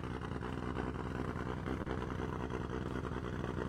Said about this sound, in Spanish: Calentando motores. Ahí la tienen a la máquina de la tracción integral nacional.